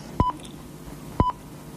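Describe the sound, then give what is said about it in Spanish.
Two short telephone keypad dialing tones, spaced about a second apart, each a crisp electronic beep over a faint background hiss, with no voices, as someone phones a television channel. “Llamó por teléfono a un canal de televisión.”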